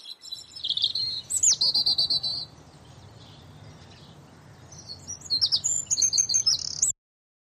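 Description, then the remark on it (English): Several birds chirp and call in quick, high-pitched bursts, with a busy flurry at the start, a brief lull, then another lively chorus before it stops, over a low steady background hum. “Although occasionally, they may gather in small groups, even mingling with birds of other species.”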